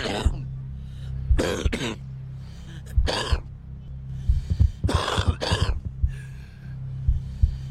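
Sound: smoker's cough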